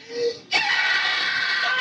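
A younger sister playing with her older sister lets out a loud, shrill scream held steadily for over a second, after a brief, softer high-pitched cry just before it.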